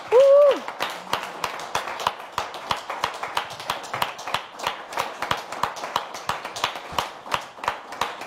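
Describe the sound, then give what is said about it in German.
Audience applause: steady, rhythmic clapping with distinct individual claps lasting about eight seconds, opened by a brief high vocal whoop at the start. “Wir danken dir von ganzem Herzen einen tosenden Applaus dafür.”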